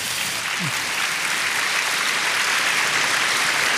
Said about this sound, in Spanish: Aplaudamos al Señor nuevamente.